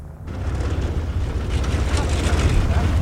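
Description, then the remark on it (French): A glider tow plane's engine drones with a deep, steady, buzzing rumble and broad roaring noise on top, growing slightly louder over a few seconds as it arrives in front of the glider to tow it. “Voilà, le remorqueur est arrivé.”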